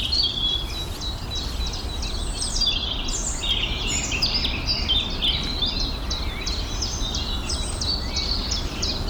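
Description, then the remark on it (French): A great tit sings loudly, repeating bright chirping phrases over a busy chorus of other birdsong, with a steady low background rumble throughout. “Chante tellement fort que t'es obligé de te concentrer pour aller chercher le son derrière une charbon là.”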